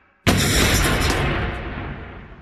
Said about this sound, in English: Just as the van started moving, there was an explosion.